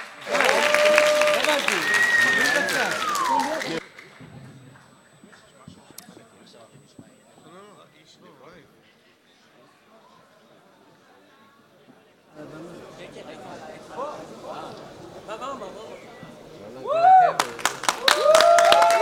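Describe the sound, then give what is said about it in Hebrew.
An audience at the live broadcast final of the show HaMalchinim 4 (The Composers) bursts into loud applause with shrill whistles for the first performance, then the clapping fades to murmuring chatter before swelling again into another round of cheering and whistling. “תנו כפיים בבקשה, רמות.”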